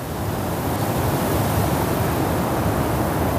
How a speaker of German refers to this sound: Es wurde ganz still. Man hörte nur den Wind.